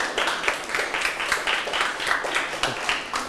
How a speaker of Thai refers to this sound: โอเคครับเก่งมากอ่ะปรบมือเพื่อนได้เลย